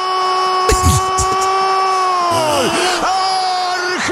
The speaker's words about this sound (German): Er schreit immer noch. Und wie lange geht das noch so?